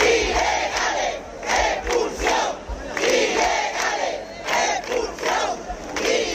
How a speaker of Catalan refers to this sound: Ceuta no es ven. Va ser un dels crits de la manifestació que ahir al vespre va reunir milers de persones a la ciutat convocats per les comunitats cristiana, musulmana, hebrea i hindú.